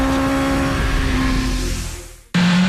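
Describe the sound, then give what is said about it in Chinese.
A loud engine roars steadily, then winds down and fades almost to silence before another engine revs up abruptly with a strong, throaty growl. No voices. “引擎唤醒晨光，车轮跨越山海，卸下生活的疲惫，与风并肩，与自由同行。”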